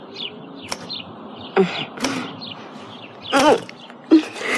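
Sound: sparrows chirping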